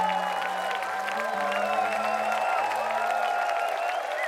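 A large crowd claps and cheers steadily at a concert, a dense, continuous wash of applause with a faint sustained tone droning underneath.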